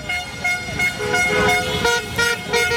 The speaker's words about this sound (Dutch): De eerste toeters klonken bij het tweede doelpunt van Marokko. Het was heel rustig op straat tijdens de wedstrijd. Maar meteen na het eindsignaal komen overal mensen naar beneden de straat op.